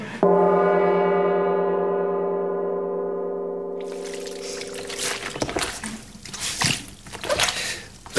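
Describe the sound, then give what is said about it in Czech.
A long, steady droning tone gives way to irregular wet squelching and sloshing, like a soaked cloth being squeezed and slapped to imitate footsteps in mud; a radio sound-effects artist in a radio studio squelching a small towel for a princess walking through mud. “Čvachta tam nějakým ručničkem, nebo co to je, protože kněžna je v blátě, jo?”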